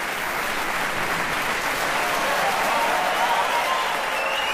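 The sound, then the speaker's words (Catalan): Sustained, dense applause from a large audience at an opera curtain call, loudest for soprano Montserrat Seró in the title role of Violeta, a steady crackling roar of many hands clapping that holds at full strength throughout, with no voices standing out. “I la més aplaudida, la soprano lleidatana Montserrat Seró, que debutava en aquestes funcions en el rol titular de Violeta, fet que representa una fita en la seva prometedora carrera.”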